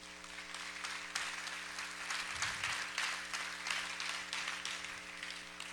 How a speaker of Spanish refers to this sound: Yo creo que Dios merece un aplauso.